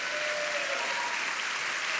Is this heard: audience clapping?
yes